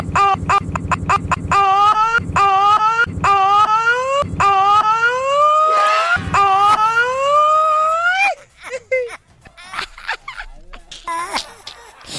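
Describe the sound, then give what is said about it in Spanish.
A loud, siren-like wail rises and falls in repeated sweeping glides over a pulsing beat for about eight seconds, then cuts off oddly into muffled, scattered noise and voices. “¡Parece ambulancia!”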